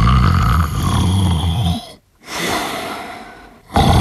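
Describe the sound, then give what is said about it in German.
Loud snoring of the Mehlock, a little monster, in the morning: a long rumbling inhale, a brief pause, then a breathy exhale, with the cycle starting again at the end. No one speaks. “Der Mehlock schnarchte noch.”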